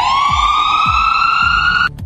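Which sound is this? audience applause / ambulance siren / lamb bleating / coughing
ambulance siren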